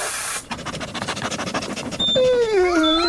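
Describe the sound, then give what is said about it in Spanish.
After a burst of noise and a stretch of quick rhythmic snuffling, a group of dogs with an extremely keen sense of smell, searching for a hidden smelly bone, break into high, wavering whimpers and drawn-out howls, fairly loud, with no talking. “En Teddy reunimos un grupo de perros con olfato extremo.”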